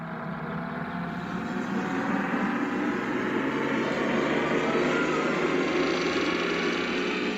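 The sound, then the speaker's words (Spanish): A time machine sound effect, set off by pressing a lever, starts up and travels: a dense, steady mechanical whirring drone whose tones slowly climb in pitch over several seconds, loud and unbroken, with no voices. “Tecleamos esos cuatro dígitos, los introducimos en el temporizador de nuestra máquina del tiempo, presionamos la palanca y viajamos.”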